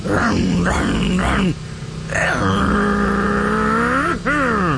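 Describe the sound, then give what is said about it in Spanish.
A voice imitates a motorcycle engine revving: a few throaty bursts, then a long sustained drone that dips and climbs sharply near the end, loud and with no other talk. “Imagínense al compadre, pero pisándole a la moto.”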